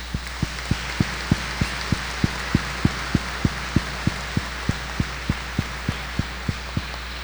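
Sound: audience applauding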